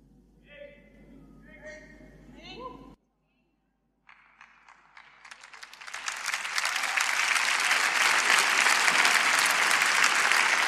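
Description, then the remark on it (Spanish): A voice speaks briefly, then after a short pause scattered claps begin and swell into loud, sustained audience applause that continues steadily to the end. “Los que no aplaudieron se están haciendo los locos.”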